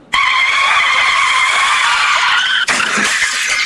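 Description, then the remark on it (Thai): A motorcycle skids on a wet, slippery road with a loud, sustained high-pitched tire squeal lasting over two seconds, then cuts abruptly into a rougher scraping, rushing noise. No one speaks. “ไปเจอแบบว่าถนนเปียกๆทางลื่นเนี่ยโอ้ยอีกถ้าขับเร็วแล้วก็โค้งเคิ้งมาล้มคว่ำ”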